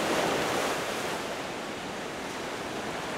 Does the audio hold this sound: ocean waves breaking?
yes